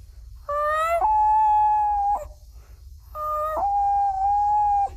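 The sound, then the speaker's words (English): A 12-year-old boy imitates a common loon's wail: two long, clear calls, each opening on a higher note before dropping to a steady held tone, separated by a brief pause, fairly loud. “The common loon.”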